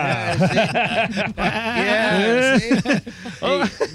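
Sheep bleat several times in quick succession, loud, their wavering, quavering cries overlapping one another throughout.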